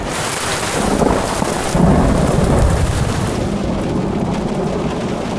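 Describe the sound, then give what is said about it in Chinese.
Heavy rain pours down in a dense, steady hiss, with a deep rumble of thunder swelling briefly partway through. No one speaks. “我等雨小点再走吧。”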